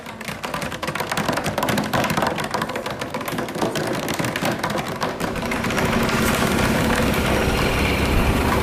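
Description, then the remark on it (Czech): A fast, continuous drum roll imitates a ringing school bell, loud, with rapid clattering hits that thicken into a dense, steady rattle toward the end, drummed by a teacher at a school as break approaches. No one speaks. “Umíte zabubnovat zvonění?”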